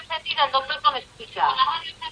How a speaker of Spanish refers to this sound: Claro, por favor, apague la radio. Claro, apague el aparato de radio y no cuelgue el teléfono. Porque si con la radio encendida el doctor no le escucha.